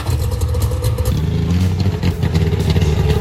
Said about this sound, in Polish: Jaki to samochód? Rozpoznaliście? Mam nadzieję, że tak. Silnik charakterystyczny. Na początku było trzaśnięcie drzwiami jeszcze, ale to powtórzymy po wiadomościach drogowych.